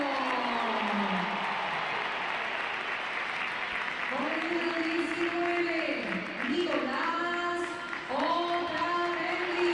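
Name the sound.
stadium crowd applauding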